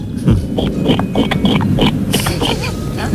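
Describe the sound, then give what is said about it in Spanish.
A person imitates a pig with a run of quick, nasal grunting oinks, fairly loud, lasting a few seconds. “Ah, pues empecemos por el cerdo, ¿por qué no?”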